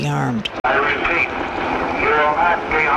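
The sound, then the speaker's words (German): A helicopter drones steadily overhead during a prison riot while a distorted, amplified voice booms through a loudspeaker, the words unclear beneath the engine noise. The announcement repeatedly orders people to surrender with raised hands and says nothing will happen to them. “Und alles, was man währenddessen hört, ist ein Hubschrauber und eine Lautsprecherdurchsage, die immer wieder verkündet: Ergeben Sie sich mit erhobenen Händen, dann wird Ihnen nichts geschehen.”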